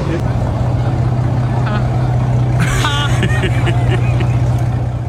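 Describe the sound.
A $23 million sports car engine idles in Monte Carlo with a loud, steady low rumble that runs unbroken from start to finish, while muffled voices briefly chatter over it midway.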